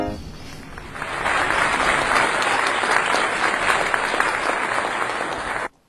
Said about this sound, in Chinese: 也给个掌声啊！